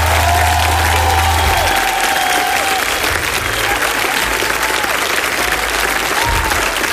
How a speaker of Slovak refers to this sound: Veľký potlesk mu dajte, prosím vás.